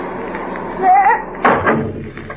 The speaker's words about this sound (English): Close that trap door! Hold it!